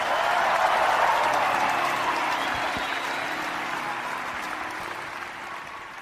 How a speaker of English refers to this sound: The best is yet to come. Do you believe it? If you believe it, clap your hands and give God glory.